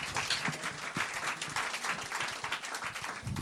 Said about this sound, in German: Okay, eine Applausstufe höher, wo man sagt, ja, war ganz nett, hat nicht wehgetan, ich konnte dem Ganzen noch folgen, war okay, dass das Teil des Abends war. Wie klingt dieser Applaus? Bitte jetzt!